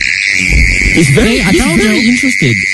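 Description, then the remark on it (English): A mole cricket, dug out of the ground in a local suburb and brought into a studio, gives a steady, unbroken high trill through the whole stretch at even loudness, while a person talks over it in the foreground. “you've got Timmy the mole cricket”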